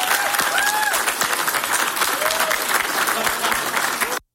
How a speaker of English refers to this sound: I also want to thank Pamela Yvette. And like I said with the other, I would encourage you to applaud her.